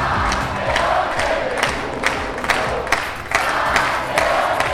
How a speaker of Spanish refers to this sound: Al grito de campeones del mundo, el municipio jarrero recibía al seleccionador nacional y campeón del mundo, Luis de la Fuente, que se mostraba visiblemente emocionado.